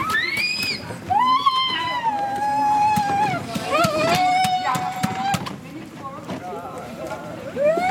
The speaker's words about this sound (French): Une ambulance vient d'arriver.